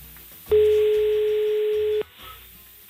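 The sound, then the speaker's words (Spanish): A single long ringback tone from an outgoing phone call, a steady electronic beep lasting about a second and a half, clear over a faint background hum with no talking. “Vamos a ver si da tono, si nos coge el teléfono.”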